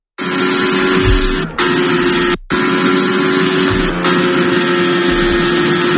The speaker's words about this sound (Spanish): Esto que escuchas es el sonido del monoplaza de Fernando Alonso. Suena un poco regular en sus primeras vueltas a este nuevo circuito, el de Madryn.